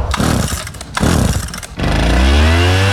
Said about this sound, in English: Finley's Resonant Leaf Blower